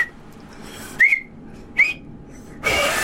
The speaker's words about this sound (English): That is not a whistle. Come on. That is not a whistle. That is spit coming out of your thumbs. I can't. This is two thumbs. This is hard.